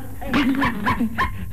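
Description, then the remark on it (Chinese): A small pet dog named Lulu yaps and whines in a quick run of four or five high, strained barks, fairly loud, with no other sounds around it. “别叫！ 哎呦，我的露露直叫啊，大声啊！”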